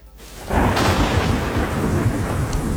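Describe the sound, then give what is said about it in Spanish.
Heavy rain in the state of Hidalgo lashing against a window, swelling in abruptly after a brief quiet moment into a loud, dense, continuous patter with a deep storm rumble underneath. “Escuchas la lluvia golpear tu ventana.”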